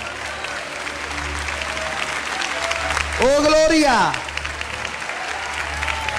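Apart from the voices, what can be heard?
audience applause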